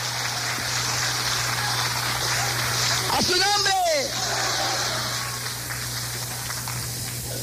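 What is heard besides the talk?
audience applauding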